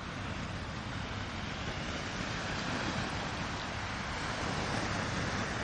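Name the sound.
sea waves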